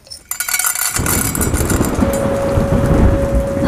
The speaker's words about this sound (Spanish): Compañeros, está comenzando una gran tormenta eléctrica cerca del estudio. Es posible que se corte la emisión del programa